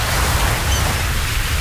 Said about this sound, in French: Il y a des mouettes. Oui, et on entend aussi les vagues.